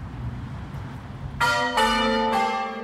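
Church bells ring out in three clear, overlapping strikes about half a second apart, each with a bright shimmering tone that hangs and decays. A low rumbling background sits underneath, with no talking.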